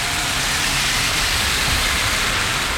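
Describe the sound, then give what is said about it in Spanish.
A heavy downpour of rain at 12:51, a very strong burst of falling water, roars steadily and loudly throughout, a dense, continuous hiss with no pauses and no voices. “me dice que no escucha nada porque es tan fuerte la lluvia.”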